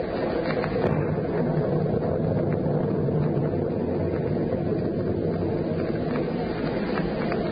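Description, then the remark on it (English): A steady, dense roar of storm wind and churning sea waves below a ship's rail, low and full-bodied, continuing without break and with no voices. “Well, the storm seems to be subsiding somewhat, sir.”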